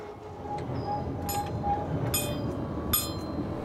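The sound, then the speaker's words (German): The Riffelalp tram, Europe's highest tram at 2222 metres altitude and 675 metres long, rolls along its rails with a steady low rumble, punctuated by a few sharp metallic clanks and squeaks from the wheels and track joints. “Die Riffelalptram auf 2222 Meter Höhe. Die höchste Straßenbahn Europas.”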